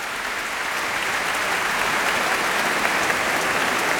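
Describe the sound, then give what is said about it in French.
Sustained applause from a large concert audience after Berlioz's Hungarian March from The Damnation of Faust, as conductor Michel Plasson returns to bow with the musicians of the Orchestre du Capitole de Toulouse; a dense, steady wash of clapping that holds at an even, loud level throughout without fading. “Et les applaudissements ne faiblissent pas.”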